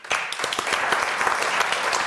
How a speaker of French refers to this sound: On l'applaudit.